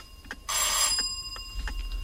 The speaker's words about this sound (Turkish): Kapı çalınıyor reis. Kapa çeneni, duydum. Bu saatte kim gelebilir ki?